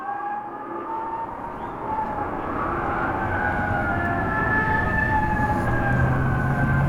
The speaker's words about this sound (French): Le peuple de Dallas pleure, les ondes des voitures de police pleurent, elles aussi.